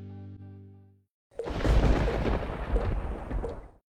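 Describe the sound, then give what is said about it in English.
A short low hum fades out, then after a brief pause a loud clap of thunder from a storm bursts in and rumbles heavily for a couple of seconds before cutting off. “When the storm is over, that's when the real work begins.”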